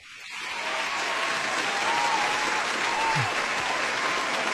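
Steady applause from a crowd for the announced official word champion swells in after a brief quiet start and holds loud and dense, with faint whoops of cheering woven through the clapping.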